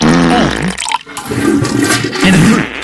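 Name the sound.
toilet flushing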